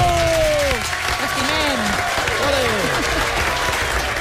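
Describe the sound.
A live audience breaks into sustained applause, a dense, steady clatter of many hands clapping, with voices calling out and cheering over it throughout.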